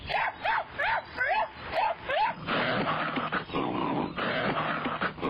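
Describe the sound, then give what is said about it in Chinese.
A hunting dog named Lizihuang, having rushed deep into a dense forest, barks frantically in about six sharp, rapid barks, followed by a rough, noisy scuffling wash that carries on to the end. “猎犬都是血统优良的好狗，它们不在极其危险的情况下绝不会如此狂叫。”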